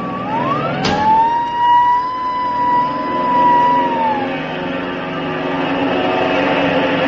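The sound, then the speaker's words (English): An already warm light aircraft engine coughs to life with a sharp pop, then climbs into a loud, steady droning whine that dips slightly and keeps running. No one speaks. “Let me get this crate started. Well, luckily, the engine's warm.”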